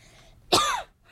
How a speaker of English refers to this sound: I'm so sorry. I had to cough my throat.